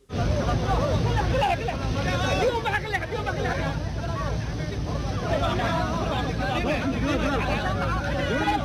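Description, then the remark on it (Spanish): A large crowd in Mogadishu, Somalia, cheers and shouts in a loud, steady roar of overlapping voices, welcoming a returning referee as a hero on his arrival; the referee is in his FIFA kit and wrapped in the Somali flag. The roar holds from start to finish, with no single speaker standing out. “Hace algunas horas el árbitro aterrizó en Mogadishu, la capital de Somalia, y fue recibido como un héroe, vestido con su indumentaria de la FIFA, lo arroparon con la bandera de Somalia, lo abrazaron, exaltaron y vitorearon.”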